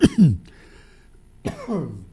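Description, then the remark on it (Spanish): Two rough coughing bursts separated by a short quiet pause, each harsh and throaty with a raspy throat-clearing quality, no talking around them. “Con tos y todo, mira.”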